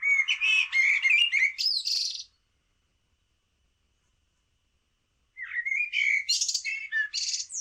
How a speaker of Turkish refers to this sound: Kara tavuğu da dinledik. O da şehir ve parklarda çok fazla var.